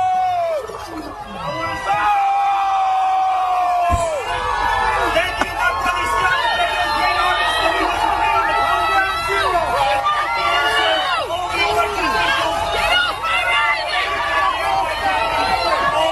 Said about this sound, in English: The silver lining of this is that Zohran Mamdani has not fooled everybody, and he got booed off stage at an NYPD event. Listen to this.